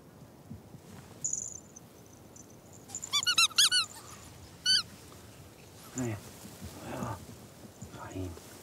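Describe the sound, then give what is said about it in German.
A squeaky walrus toy is squeezed to lure ferrets out of a labyrinth, in a quick cluster of sharp, high squeaks, then once more a moment later, against a quiet background with faint murmuring afterward. “Jetzt noch die Frettchen herauslocken aus dem Labyrinth mit Trick 17, dem Quietschewalross.”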